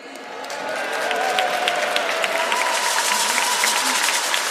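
A crowd claps steadily for several seconds, a dense patter of many hands that swells in from the start and holds at a fairly loud, even level, with faint murmuring underneath.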